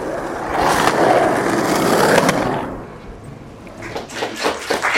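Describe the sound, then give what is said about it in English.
A skateboard rolls past at Venice Beach in Los Angeles, its wheels giving a steady gritty roar for a couple of seconds, then fading into lighter clacks and scrapes as the board moves away. “Venice Beach.”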